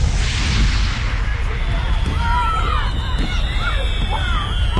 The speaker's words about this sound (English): How about them fireworks? Pretty cool, huh? Ever wonder why we shoot them off on the 4th?